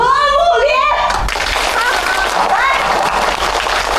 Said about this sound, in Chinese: 让我们用最热烈的掌声欢迎他来到我们这个大家庭。